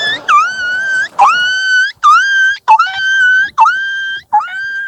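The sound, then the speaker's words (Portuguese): The speaker's dog lets out six drawn-out, high-pitched howls in quick succession, each starting with a sharp yelp-like onset before holding a wavering tone. Loud, with short gaps between calls. “Eu tô com meu cachorro que eu vou soltar em vocês.”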